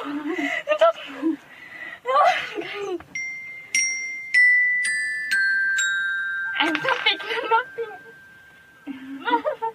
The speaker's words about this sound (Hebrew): או זה שבו ילדה בת 13 שומעת את צלילי הקסילופון וכמעט מתעלפת מרוב התרגשות.